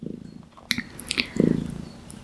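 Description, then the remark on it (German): A domestic cat sitting on a person's lap purrs in a low, steady rumbling drone, with a few soft clicks and rustles at the start and a louder swell of purring near the middle. “Falls ihr im Hintergrund so ein kleines Motorchen hört, das ist meine schnurrende Katze, die hier auf meinem Schoß sitzt.”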